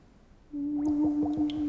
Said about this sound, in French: Maman, qu'est-ce qu'elle fait là? C'est elle qui souffle dans ce tuyau pour faire toutes ces bulles?